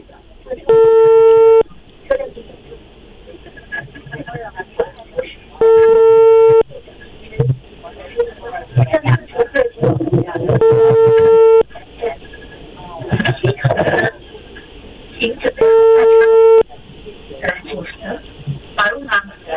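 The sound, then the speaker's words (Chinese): A telephone ringback tone sounds as a host of Inner Mongolia Radio and TV's live Tiantian 315 programme places a call to the Hohhot subway company's customer service line: four steady one-second buzzing tones, evenly spaced about five seconds apart. Faint background noise and murmuring fill the gaps. “那你就那个，我再联系一下地铁公司啊，因为他刚才给了咱们一个电话。”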